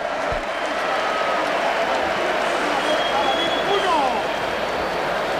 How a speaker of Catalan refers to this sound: Ovació per Pedri, que surt a fer exercicis d'escalfament, ben a prop seu Bissibu, aclamat Pedri.